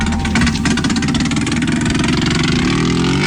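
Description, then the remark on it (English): A racing motorcycle engine idles loudly, its throbbing pulse rumbling steadily before the pitch climbs slightly in a brief rev near the end, with no voices. Archive recording from TT Week on the Isle of Man in 1973, with bikes readied for the Tourist Trophy motorcycle race. “Now, the TT, or Tourist Trophy, is an annual motorcycle race and has long been regarded as the most dangerous race in the world.”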